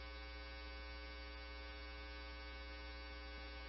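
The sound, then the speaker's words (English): An alarm buzzes continuously at a steady, unchanging pitch, rich with harsh overtones, droning without a break from start to finish. It sounds fairly faint, and no one speaks. “Agent 2, Division 1, can you silence the alarm?”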